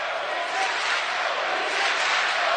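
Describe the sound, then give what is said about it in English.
A baseball stadium crowd cheers for the young freshman pitcher in a steady, unbroken roar, a loud wash of many voices that holds even for a couple of seconds, with no single voice standing out. “Crowd behind him now.”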